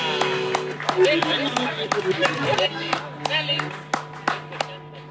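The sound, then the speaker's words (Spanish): An audience applauds with sharp, uneven claps that rise and fade over about five seconds, while voices talk and murmur underneath, heard in played-back audio of a stage performance. “¡Buen aplauso!”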